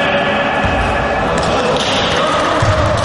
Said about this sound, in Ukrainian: Перші спроби вести м'яч і влучно закидати в кошик. В одному із залів Львівщини ветерани відпрацьовують елементи баскетболу – адаптивного.